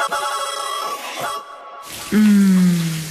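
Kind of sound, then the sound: household object, shower water running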